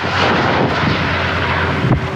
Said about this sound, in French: Sur place, 700 sapeurs-pompiers sont mobilisés, accompagnés par d'importants moyens aériens. Des hélicoptères bombardiers d'eau, des canadairs, mais aussi des avions Dash.